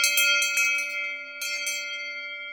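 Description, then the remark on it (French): A round bronze Aubertino cowbell, made by a foundry in the Doubs and marked La Muntasse, rings on a farm at Nouglou, its clapper striking in two quick pairs, each hit bright and piercing, with a clear metallic tone that lingers and slowly fades between strikes. “C'est une cloche ronde, on va dire en bronze, qui fait un son très clair et très perçant.”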